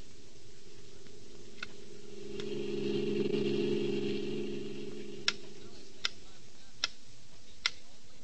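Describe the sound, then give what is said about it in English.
A metronome ticks at a steady, even pace, its sharp clicks faint at first and then crisp and distinct, over a low droning hum that swells and fades midway. “A metronome, a small, precise time-interval measuring instrument that most pianists use.”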